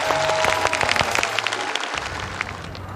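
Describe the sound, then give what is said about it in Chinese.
An audience breaks into applause to show agreement with a proposal that two performers swap weapons, a dense wash of many hands clapping with scattered sharper claps standing out, steady and fairly loud for the whole three seconds with no one talking. “但是就鉴于两队的这个高手啊，都是手上功夫，我有个成熟的小建议，就让他们俩互相把这个武器交换一下，然后各自耍一通，咱们同意的鼓鼓掌。”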